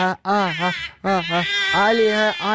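A baby wails loudly and close by in long, strained cries, pausing briefly for breath between bursts, with no other sounds over it.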